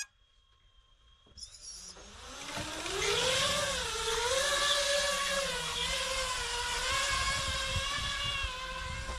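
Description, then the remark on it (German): After a quiet moment and a brief tone, drone motors spin up into a loud, steady buzzing whir whose high, layered pitch wavers up and down, with no one speaking, as drones launch from a platform of soup cans for a range test. “Bezüglich der Reichweite haben die beiden Drohnen eine gute Leistung gezeigt.”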